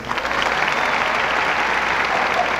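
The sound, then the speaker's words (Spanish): Sustained audience applause for a jazz orchestra, a dense, steady wash of many hands clapping at an even, loud level throughout, with no voices standing out above it. “Un aplauso, por favor, enorme para todos ellos.”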